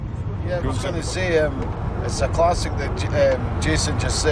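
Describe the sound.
A steady, low engine rumble from inside a car driving from Edinburgh to Glasgow to a football match, constant throughout, with people talking over the road noise.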